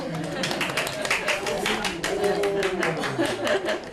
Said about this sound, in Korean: 그래서 일단 박수.